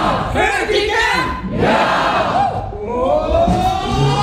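A large outdoor audience roars and shouts together in one sustained, loud burst of cheering in response to being asked if they are ready, voices rising and falling in unison.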